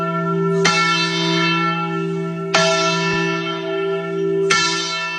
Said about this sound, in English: And yes, they did ring the Liberty Bell.